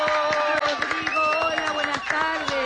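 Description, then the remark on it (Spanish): Steady applause from a TV studio audience welcoming a stage actor as a guest, dense overlapping claps holding at a constant loud level, with voices and tonal sounds woven through the clapping. “Así que, bueno, con un aplauso lo recibimos.”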